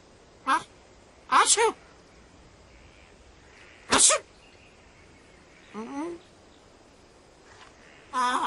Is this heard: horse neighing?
no